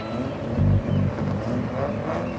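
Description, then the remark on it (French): A blue Caterham sports car engine rumbles steadily with a deep, throbbing low growl that swells briefly, loud, as the car arrives, with no one speaking. “Jason arrivera dans la Caterham de son copain Phil.”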